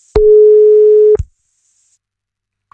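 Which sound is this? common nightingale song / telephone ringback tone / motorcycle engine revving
telephone ringback tone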